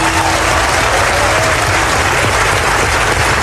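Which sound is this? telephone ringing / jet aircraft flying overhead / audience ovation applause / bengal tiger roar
audience ovation applause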